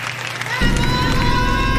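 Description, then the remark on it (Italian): An audience claps steadily for a Colombian ensemble, the applause swelling louder and fuller partway through, with a crowd murmur and some cheering voices mixed into the dense clatter. “applauso per l'ensemble colombien.”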